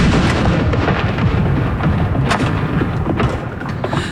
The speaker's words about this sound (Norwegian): Hun står rett bak de som, som avfyrer disse saluttene. Andre kanon! Inn!